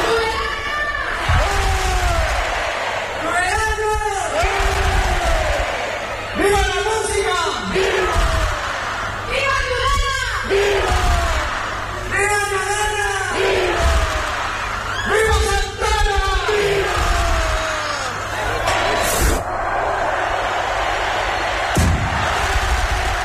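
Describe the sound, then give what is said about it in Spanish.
A large crowd shouts and chants together in loud, rhythmic bursts every few seconds, with a constant roar of many voices throughout, at the opening rocket of the Santa Ana fiestas 2026 in Tudela, lit from a balcony by the Fernando Remacha music school. “Y este sábado, segundo día de fiestas en Tudela, fiestas de Santa Ana 2026, que empezaban así.”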